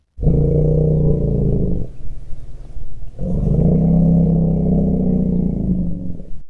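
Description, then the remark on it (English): Two long, deep, low-frequency elephant greeting rumbles, loud, each lasting a couple of seconds with a brief gap between them, rich low harmonics giving a throaty, growling quality. “That is a rumble of greeting for my guest, Joyce Poole, who is Scientific Director of Elephant Voices”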